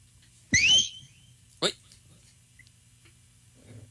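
A person gives one loud, sharp whistle lasting under half a second to get a group of people to behave, followed by a brief snap and then near silence.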